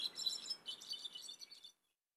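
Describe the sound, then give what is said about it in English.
A busy chorus of high, twittering bird calls chatters continuously for almost two seconds, several chirps overlapping, then stops abruptly into silence. “Although occasionally, they may gather in small groups, even mingling with birds of other species.”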